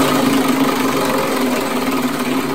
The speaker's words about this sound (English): Okay, so it's time again to spin the wheel. Are you ready? Here we go.